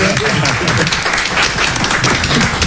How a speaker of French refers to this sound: Bah ouais, on applaudit le DJ.